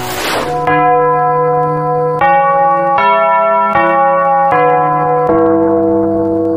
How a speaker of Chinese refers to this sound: 1959年9月15日，东方红的钟声响彻北京上空。用时仅仅7个月零20天的新北京站正式开通运营。